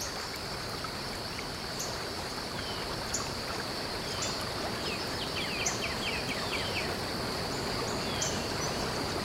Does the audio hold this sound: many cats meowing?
no